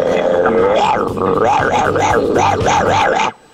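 Loud dogs barking in a rapid, steady run of overlapping yelping barks, with low rumbling underneath, cutting off abruptly near the end.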